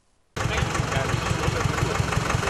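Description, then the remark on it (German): A tractor engine idles with a loud, steady diesel chug and rhythmic low pulses at a festival ground in Hartmannsdorf, Germany, filled with decorated tractor-trailer rigs in early September, cutting in abruptly after a brief moment of silence and running evenly to the end. “Auch in diesem Jahr füllte sich Anfang September der Festplatz in Hartmannsdorf mit geschmückten Traktorgespannen.”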